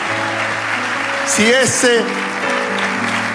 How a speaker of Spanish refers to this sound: Si ese aplauso es la expresión de tu agradecimiento, dale un aplauso fuerte.